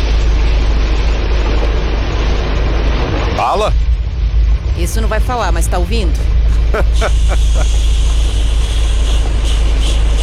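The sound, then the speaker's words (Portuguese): Rain drums steadily on a radio listener's truck cab in a loud, dense hiss over a low rumble, while voices speak briefly over it partway through. “É o som da chuva na boleia do nosso ouvinte.”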